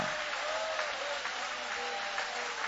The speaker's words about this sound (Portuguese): Pode tomar o vosso assento, guarde a Bíblia com carinho e podem aplaudir o nome de Jesus. Pode louvar com mais alegria.